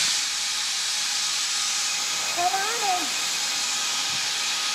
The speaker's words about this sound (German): Ja, wir lassen jetzt die Sprinkleranlage ausstellen und dann suchen wir, bis wir es gefunden haben.